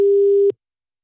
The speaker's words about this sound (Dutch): En dan kan het zomaar zijn dat je telefoon nu overgaat.